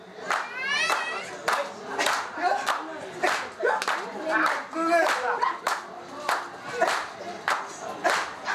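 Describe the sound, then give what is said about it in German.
Rhythmic foot stamping on the ground from a traditional Zulu dance in Mai Mai, sharp even beats about twice a second, with a group of voices chanting and calling out over the steady pulse. “Der typische Zulu-Tanz, das rhythmische Stampfen auf den Boden, gehört zum Alltag von Mai Mai.”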